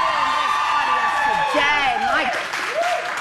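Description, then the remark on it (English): The studio audience of the Canadian TV show The Social breaks into steady, dense applause for their own fashion, mixed with loud whoops and cheers, voices sliding up and down in pitch over continuous clapping for about three seconds. “To start, you need to give yourselves a round of applause for the fashion.”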